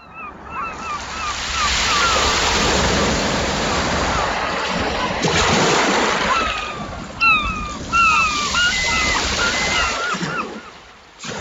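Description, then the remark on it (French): Ocean waves rush and break on the shore in a steady, full roar that swells and recedes, with a few birds chirping faintly above the surf. “par mon regard en direction de l'océan, je me suis longtemps contenté d'observer l'écume des vagues.”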